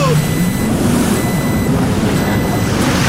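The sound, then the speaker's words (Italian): Electronic warning beeps sound in two long, steady tones, the second following a short gap, partly buried under a loud, constant engine-like rumble with muffled voices, on a lake. “Cos'era quel bip?”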